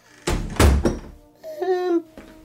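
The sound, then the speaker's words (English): A door is shut with a heavy thud and a short rattling follow-through, then a brief voiced sound as someone speaks afterward. “Well, shut the door then, Alf, before the neighbours send for the yellow van.”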